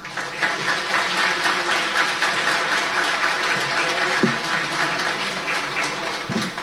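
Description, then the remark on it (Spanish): Sustained applause from an audience of more than 100 people at a ceremony celebrating fisheries in the Coquimbo region, Chile, a dense crackle of many hands clapping at a steady, even level for several seconds with no voices over it. “De celebración de las pesquerías, los aplausos, por supuesto.”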